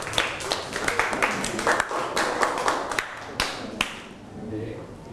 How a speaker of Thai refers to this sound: ขอเสียงปรบมือให้กลุ่มที่2อีกรอบนึงครับ